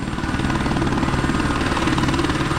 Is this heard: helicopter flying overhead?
yes